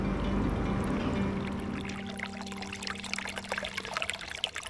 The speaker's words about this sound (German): Umgeben vom Schilf auf der einen und dem plätschernden Bach auf der anderen Seite sitzen wir am Ufer des Simsees und schauen aufs Wasser.